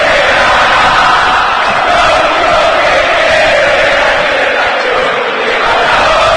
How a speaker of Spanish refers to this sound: Grita la cancha de River. En las malas también se grita en el estadio Monumental.